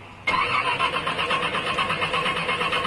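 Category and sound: vehicle, car engine cranking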